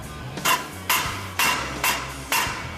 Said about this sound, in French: Je frappe avec un maillet sans rebond pour bien aligner tout ça.